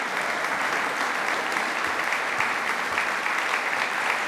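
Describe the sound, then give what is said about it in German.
Sustained applause from a large concert audience in the Rokoko-Theater in Schwetzingen on 22 May, for mezzo-soprano Léa Desandre and lutenist Thomas Dunford with his Ensemble Jupiter; dense and steady clapping filling the theater at an even loudness with no voices standing out. “Ihnen gilt hier auch dieser Applaus zu Ihrem Konzertabend im Rokoko-Theater in Schwetzing am 22. Mai.”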